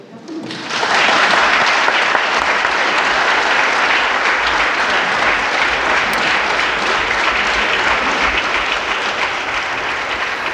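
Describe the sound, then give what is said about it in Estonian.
Sustained applause from the members of the Estonian Riigikogu for newly elected President of the Republic Ülle Madise, beginning abruptly and holding steady and loud for about ten seconds as a dense wash of many hands clapping. “Ja peaks olema siis niimoodi, et kõik Riigikogu liikmed kui varasemate kogemuste põhjal mastuvad siis rivvi ja kõigepealt aplodeerivad.”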